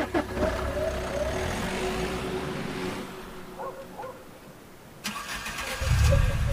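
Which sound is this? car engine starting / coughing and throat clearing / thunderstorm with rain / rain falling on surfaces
car engine starting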